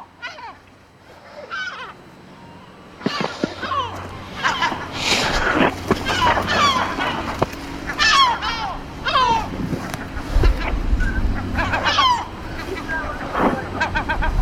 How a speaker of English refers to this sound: Wow, that was close. That was very close. Yeah, that one is going in for the kill. The seagull is constantly dive bombing.